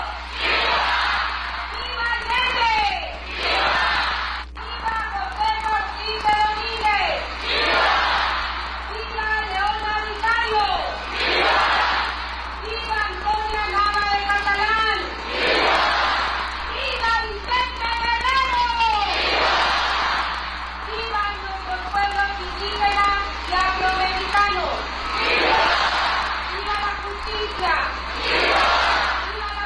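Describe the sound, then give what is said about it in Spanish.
A large crowd of gathered families in Mexico shouts together the traditional "Viva México" and "Viva Guerrero" in response to the traditional arenga, in repeated, loud bursts of chanting and cheering that rise and fall, voices blending into a roaring, rhythmic call-and-response. “realizó la tradicional arenga ante las familias reunidas, quienes respondieron con los tradicionales Viva México y Viva Guerrero, para después ondear la bandera de México al toque de la campana.”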